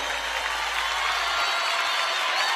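A large audience at Cosquín applauds a performer in a dense, steady wash of clapping that holds at an even, fairly loud level throughout, with no clear voices rising above it.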